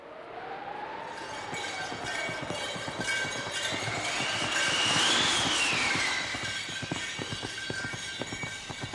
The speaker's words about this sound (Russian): И вот уже быстрые лошади мчат ее в Сибирь.